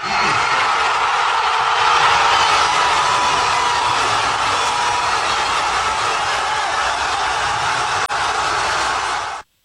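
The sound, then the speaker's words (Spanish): Tens of thousands of fans jump, shout and cheer after a goal, a dense, unbroken wall of shouting that swells slightly early on, dips briefly near the end, then cuts off abruptly. “Decenas de miles de aficionados saltaron y gritaron, mientras que otros se abrazaron no solo con amigos, sino hasta con desconocidos.”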